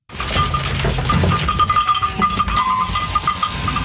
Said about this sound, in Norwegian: I Viksdalen I Sunnfjord står sauene I kø for å få klippet av seg ulla.